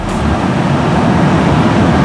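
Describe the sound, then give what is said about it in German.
A regional express train rolls over the new Sternbrücke railway bridge in Hamburg, Germany, around 4:15 in the morning, a loud, steady rumble heavy in the low end with a continuous rushing roar, no voices, holding constant throughout. “Das war ein Regionalexpress, der ICE, der direkt danach kam als zweiter.”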